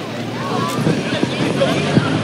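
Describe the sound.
A moped rides downhill on a descent during a road cycling race, with steady, roaring wind buffeting the microphone over a low engine drone; faint muffled voices sit underneath the continuous rush.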